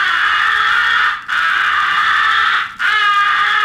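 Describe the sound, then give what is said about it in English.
Three loud, drawn-out raspy caws from a crow caller, each held about a second with only brief breaks between them. The calls are harsh and nasal, with no talking. “muffle your call by placing your most convenient finger into the muzzle.”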